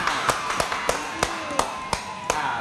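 Steady, evenly spaced claps, about eight sharp hits at a moderate rhythm, over a faint steady background hum.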